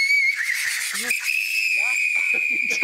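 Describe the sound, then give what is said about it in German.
A tea kettle with liquid nitrogen poured into it whistles as the nitrogen boils, a steady, piercing high tone that holds through the whole clip and rises slightly in pitch partway, with a hiss of escaping nitrogen gas beneath and bits of speech over it. “für den habe ich den Teekessel-Test dabei. So, ich kipp hier mal ein bisschen was rein in diesen Teekessel.”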